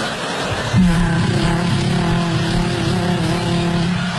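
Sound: vacuum cleaner running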